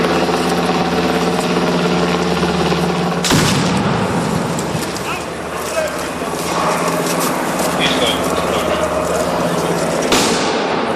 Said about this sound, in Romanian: Trupele speciale au simulat inclusiv salvarea unei persoane dintr-o clădire în timp ce se trăgea cu focuri de armă asupra lor.